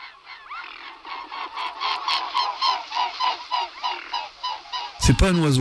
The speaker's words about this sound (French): un oiseau, un anatidé, un cousin des canards, c'est le cygne tuberculé.